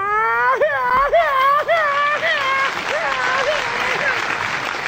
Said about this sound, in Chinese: 您别鼓掌了